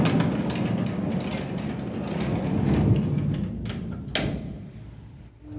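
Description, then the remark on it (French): A mine cart train pulled by a blind horse rumbles steadily along rails, a continuous heavy rolling noise with a sharp metallic clank near the end before it eases off. “Train de wagonnet tiré par un cheval aveugle.”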